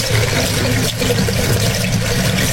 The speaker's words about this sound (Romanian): N-ați vrea să dați puțin drumul la robinet? Cu plăcere. Când aud apa, mă liniștesc.